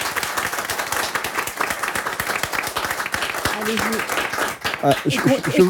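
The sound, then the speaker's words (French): Sustained audience applause for members of a collective, dense and steady for several seconds, with a voice briefly rising over the clapping near the end. “Et on peut les applaudir.”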